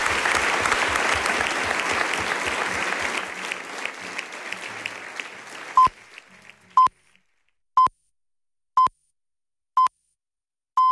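Loud audience applause for four guests fills the first six seconds, dense clapping that gradually thins out, followed by a series of evenly spaced electronic beeps, the Radio Nacional de España eleven o'clock time signal, ending with a longer tone.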